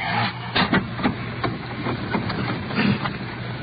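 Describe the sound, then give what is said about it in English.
A car engine idles at 1:45 a.m. as a man gets into the car, with a steady low hum and rumble, overlaid by faint, irregular clicking and rattling pulses. No one speaks. “Yeah, he's getting in the car.”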